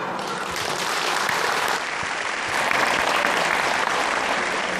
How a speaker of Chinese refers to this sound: 现在，让我们用热烈的掌声欢迎自治区党委书记、自治区人大常委会主任王伟忠同志宣布那达慕开幕。